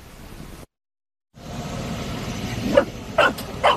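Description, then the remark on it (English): Several dogs bark in short, sharp bursts over the steady low rumble of a moving bus engine, the barks coming close together and growing more frequent toward the end; a dog bus in North Dakota, USA, picking up local dogs for daily outings in summer. “Canine Outdoor Adventures started a bus service this summer, picking up local pups for daily getaways.”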